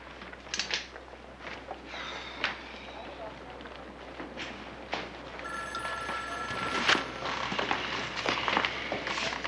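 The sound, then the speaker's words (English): A telephone bell starts ringing partway through, a steady sustained tone over a noisy, busy background with faint voices and some shuffling movement. “Gotta find out who made that phone call.”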